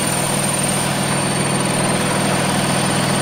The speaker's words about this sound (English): That's just coming out of the very noisy printer that we've got here in the studio.